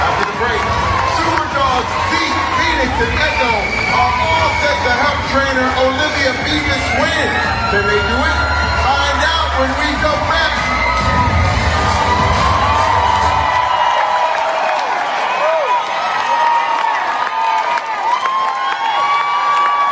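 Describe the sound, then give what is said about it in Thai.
A large crowd in a hall chants the name Nene over and over in loud unison after her pageant performance, mixed with cheering and shouts that fill the hall, the low rumble dropping away near the end while voices continue. “ใช่แล้วก็ตัดข้อโฆษณาไปเนี่ยแล้วก็มีคนในคอในตะโกนเน่เน่เน่เน่เน่เน่เน่เน่โอ้โหเสียงดังหลายนาทีมาก”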